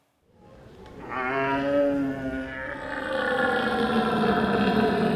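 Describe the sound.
A man imitates a red deer stag's roar at a deer-calling contest, the 18th North German Championships in deer calling in Bolevik, held at a nature, fish and game fair: one long, deep, droning bellow that swells in loudness and holds steady for several seconds, rough and resonant, with no talking.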